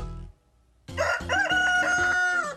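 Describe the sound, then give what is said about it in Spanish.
A rooster crows a long, loud cock-a-doodle-doo with a strained, harmonic-rich call that holds a high pitch before trailing off, following a short low sound and a brief pause. “¡Es un gallo!”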